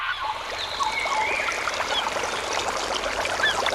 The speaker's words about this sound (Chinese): 溪流，森林，草原，海。如果有一天，这些美好的声音突然消失，为了守住这些美好的声音，热爱大自然，呵护地球家园。